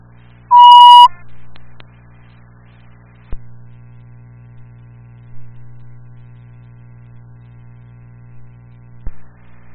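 A security alarm gives one loud, shrill electronic beep near the start, then falls silent over a steady low electrical hum broken by a couple of faint clicks.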